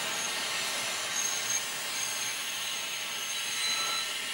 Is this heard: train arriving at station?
yes